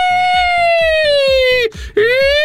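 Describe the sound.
A voice sustains a high, wavering tone imitating an ambulance siren, briefly dipping and breaking off before resuming, with a low rhythmic pulsing underneath, fairly loud.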